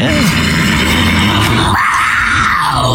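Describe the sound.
A person imitates a cat's growl: a loud, rough, sustained throaty snarl that shifts in tone partway through and keeps going for about three seconds.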